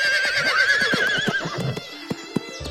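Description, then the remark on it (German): A horse whinnies loudly and shrilly for about a second and a half, its wavering call fading, followed by a few sharp hoof clops as it is ridden off. “Ich musste mich zu Feder auf sein Pferd setzen und wir ritten los.”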